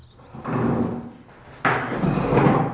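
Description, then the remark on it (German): Two clattering wooden scrapes and knocks as chairs are lifted down from tables one after another in an old primary school at the edge of a village; the second lands with a sharper thud. No voices. “In der alten Grundschule am Ortsrand wuppt Andrea Teichert einen Stuhl nach dem anderen von den Tischen.”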